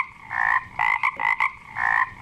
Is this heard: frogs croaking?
yes